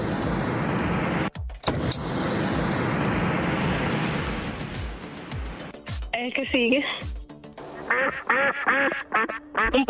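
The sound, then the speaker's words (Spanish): A duck quacks repeatedly in quick, nasal bursts during the second half, after a stretch of loud, steady rushing noise like a passing vehicle. “Un pato, van tres, nada más son cinco soniditos”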